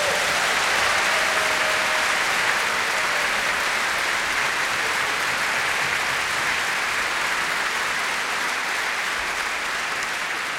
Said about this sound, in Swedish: Kan inte de få en riktigt stor applåd?